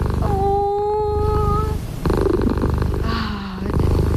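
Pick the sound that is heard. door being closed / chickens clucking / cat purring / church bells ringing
cat purring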